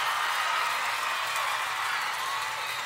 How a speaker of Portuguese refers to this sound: Salve de palmas para todas as minhas fãs lindas, maravilhosas e cheirosas.